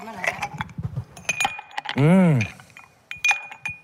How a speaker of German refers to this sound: Mit gerade frisch desinfizierten Händen ein Eiswürfel ins Gesicht. Das klingt gut. Ja, Eiswürfel.